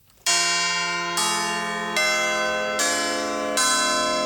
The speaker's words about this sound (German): Das ist das Salve Regina. Ein Glockengeläut, das in Heufurt in der Rhön künftig regelmäßig zu hören sein wird. Hier wurden nämlich am 25. Juli 4 Glocken geweiht.